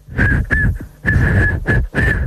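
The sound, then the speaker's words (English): A breathy, failed attempt at whistling: a thin, wavering tone keeps breaking through an airy, kettle-like hiss in several short bursts, fairly loud. “It's like a kettle, an old-fashioned kettle.”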